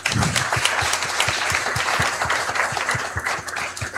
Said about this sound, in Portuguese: Aos nossos sacerdotes, a nossa gratidão com uma salva de palmas.